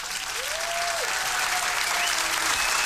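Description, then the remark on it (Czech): A crowd claps for competition winners in dense, steady applause for the whole stretch, loud and even throughout, with a few faint drawn-out tones gliding over the clapping. “Ano, potlesk pro vítěze”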